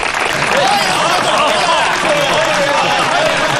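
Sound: applause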